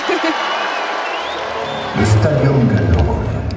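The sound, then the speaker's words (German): A large crowd of spectators, split into rival Roman and Gallic sections that rouse each other, cheers and chants in dense, continuous noise, with many voices blending together. Partway through, the crowd swells louder as one section raises its chant over the din. “hier wir Römer singen lauter und wir Gallier singen lauter”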